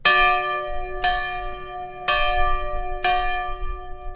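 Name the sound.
original schoolhouse bell ringing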